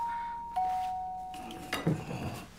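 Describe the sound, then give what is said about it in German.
A doorbell chimes with two sustained ringing tones, fairly clear, rung for a pizza delivery, then fades into a brief burst of clattering, rustling noise. “Klingelt Ihr Telefon nicht? Hier hat nur die Pizza geklingelt.”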